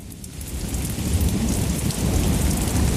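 A steady downpour hisses across the whole clip while deep, rolling thunder rumbles underneath, growing slightly louder toward the end. No voices, just the constant wash of a heavy storm.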